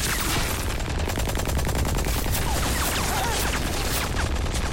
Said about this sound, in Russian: Выстрел танка. Разрыв вздыбливает брус. Стреляет пулемет танка.